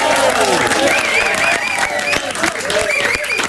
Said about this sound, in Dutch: Ladies and gentlemen, mag een grote applaus